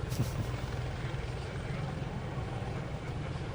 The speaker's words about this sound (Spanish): Bueno, para la salida de esta maniobra acabamos de ver que los helicópteros realizan un picado con una posición de unos 60 grados, ahí lo tenemos, con el morro hacia abajo, para enfrentarse por elementos de A2, efectuando un cruce entre ellos.